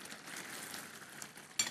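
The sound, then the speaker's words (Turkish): Chicken sizzles steadily in a hot pan, a continuous crackling hiss with a brief metallic clink near the end. No one speaks. “Tavuk nasıl cızır diyor?”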